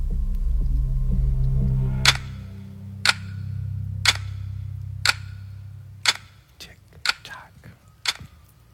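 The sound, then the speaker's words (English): A clock ticking sound effect ticks steadily, one sharp, crisp tick per second, about seven in a row, over a low droning hum that fades partway through. “I put that clock sound effect like in there it. Just for me. Mm-hmm. I just like to have the clock ticking.”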